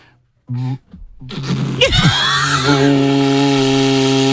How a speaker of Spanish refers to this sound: Es un cuerno. Es un cuerno de buey, que esto se hace, lo hacen artesanos en Euskadi, y fíjate, está grabado y todo. Y esto se toca, pues lo típico que te dicen, no soples, que se pone así, se vibran los labios, a ver si.